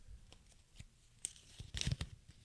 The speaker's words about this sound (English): They're folded up pieces of paper. I'm going to blindly grab one.